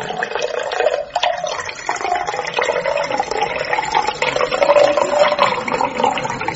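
A steady stream of drink pours for several seconds into a tall glass, a continuous splashing rush with slight gurgles, heard on its own without any talking.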